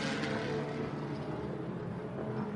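A race car engine roars continuously with a low, rumbling drone and a broad rushing noise, holding fairly steady throughout, with no one speaking, as the car, after a pit stop and driver change, struggles to fire up and then pulls away onto the track with Tommy Miller driving.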